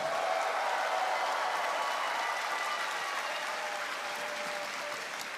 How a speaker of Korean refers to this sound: 네, 여러분 뜨거운 박수로 격려해 주시면 좋겠습니다.